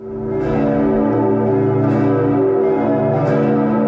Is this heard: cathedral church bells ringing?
yes